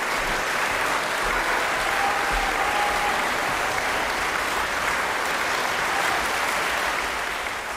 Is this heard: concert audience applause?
yes